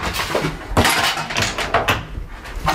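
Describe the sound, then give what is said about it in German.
Four ice cubes drop one after another into a blender jar holding milk and vanilla ice cream, each landing as a sharp, hard clunk and rattle against the container, several impacts spaced unevenly over a few seconds. “Das waren die Eiswürfel, ja.”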